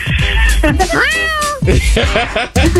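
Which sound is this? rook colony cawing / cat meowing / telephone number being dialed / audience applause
cat meowing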